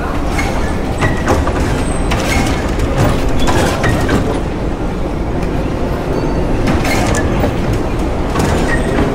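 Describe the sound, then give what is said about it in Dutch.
A metro train heading to Kunstwet rumbles steadily along the rails, a loud continuous roar with rhythmic clattering and faint high squeals from the wheels, heard inside or beside the moving train. “Dus dan moeten wij de metro nemen naar Kunstwet.”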